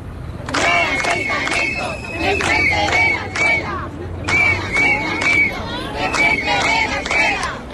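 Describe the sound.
Dozens of protesters, gathered in the morning at the site of a planned migrant settlement in front of a nursery school, shout a chanted slogan in loud, rhythmic bursts of many voices, repeating the same cadence several times over a steady low rumble.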